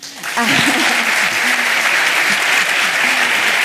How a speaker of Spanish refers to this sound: Mega aplauso.